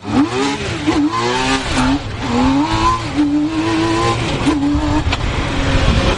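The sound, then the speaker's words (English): The engine of a T-Rex three-wheeled sports car, built in Montreal, Quebec by Compagnie Motors, revs hard and accelerates, its pitch climbing and dropping through several loud surges with no one talking. “That's no ordinary vehicle you're hearing. It's a T-Rex, a three-wheeled car.”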